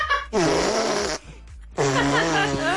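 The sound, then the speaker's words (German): A young girl blows two loud, buzzy fart noises with her mouth against her arm, each under a second long, separated by a brief pause. “Papa, soll ich mal mit meinem Mund auf den Arm pupsen?”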